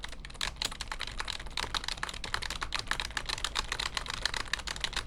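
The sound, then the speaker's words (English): Rapid, steady typing on a computer keyboard into a comments board, with crisp overlapping key clicks and no voices. “Now that, doesn't that sound good on the microphone typing into a keyboard?”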